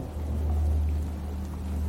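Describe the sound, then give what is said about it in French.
Steady rain of large drops patters continuously on the leaves of a forest after a hot, airless day, a soft scattered crackle layered over a deep, constant low rumble, with no voices present. “Le crépitement des gouttes de pluie sur les feuilles nous emporte le long d'une mélodie aléatoire.”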